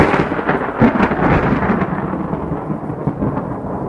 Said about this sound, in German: Gur, es hat geblitzt. Oh je, da kommt ein Gewitter.